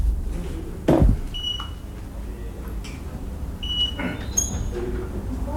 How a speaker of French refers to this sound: Je m'excuse. Je réponds au téléphone.